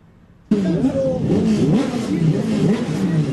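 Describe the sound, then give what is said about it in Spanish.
After a brief near-silence, loud Turismo Carretera racing car engines burst in at qualifying in San Nicolás on a sunny, 20-degree day, their pitch rising and falling as they rev, over a dense, noisy trackside background with loudspeakers and faint indistinct voices. “Ruido de motores, de altavoces, se viene la clasificación del Turismo Carretera.”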